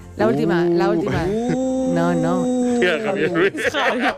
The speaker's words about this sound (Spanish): El burro estaba ralentizado porque descubrió que el sonido de un burro pues tenía varias tonalidades y al ralentizarlo pues consiguió ese sonido.